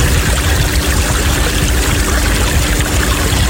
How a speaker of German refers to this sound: Vom Strand, wir haben so ein bisschen die Kinder noch, ja, vom Strandbad, richtig schön.